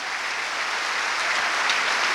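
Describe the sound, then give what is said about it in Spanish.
A crowd claps steadily and loudly, a dense wash of many hands applauding together without pause for a couple of seconds, with no voices standing out, giving a strong round of applause to Jesus. “Vamos a dar un fuerte aplauso a Jesús.”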